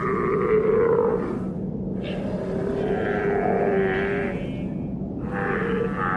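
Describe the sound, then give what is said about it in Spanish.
Antarctic seals of the Southern Ocean, which live between the ice and the ocean, call in a steady, overlapping chorus of low grunts, moans and bleat-like wavering tones that rise and fall for several seconds, with no one speaking. “Las focas del Océano Antártico viven entre dos mundos, el hielo y el océano.”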